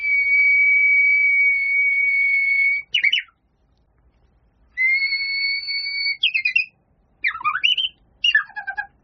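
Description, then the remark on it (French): Someone whistles the song of a Japanese bush warbler (uguisu), Japan's emblematic spring bird: a long, steady held note, then a quick descending trill, repeated twice with extra flourishes. Clear and alone, without any talking. “on a pu rentrer en connexion avec l'Oguizu, le rossignol japonais”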